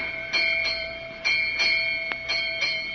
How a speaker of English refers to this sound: 8 bells. 8 o'clock in the morning.